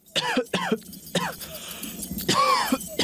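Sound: coughing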